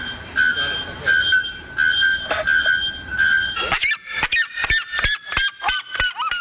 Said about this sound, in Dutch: De Volkskrant schrijft vandaag over 2 vogels... die kans maken op de titel luidste vogel ter wereld. Het gaat om de naaktkeelklokvogel en de kuifsirima uit Brazilië.